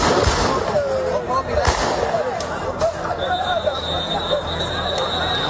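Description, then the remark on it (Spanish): National Police fire several sharp gunshots into the air at irregular intervals to stop a crowd of migrants rushing at the Loma Colmenar settlement in Ceuta. The shots crack out over a noisy crowd of shouting voices, and a high sustained whistle joins in partway through. “la situación tan desbordada en la que está Ceuta después de que la Policía Nacional haya intervenido con disparos al aire para evitar una avalancha de un grupo de ilegales en el asentamiento de Loma Colmenar.”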